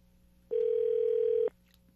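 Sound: telephone ringback tone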